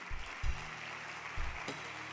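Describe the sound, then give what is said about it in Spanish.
A church audience applauds God in a steady, dense wash of clapping that lasts throughout, with a couple of deep low thumps rising briefly beneath it. “Dele un aplauso a él si lo cree.”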